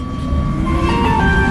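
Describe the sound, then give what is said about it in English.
Steady low rumble inside a moving number 3 tram in Nantes, with a thin electric motor whine rising slightly above the continuous rolling noise, fairly loud, no voices. “I've just got on the number 3 tram”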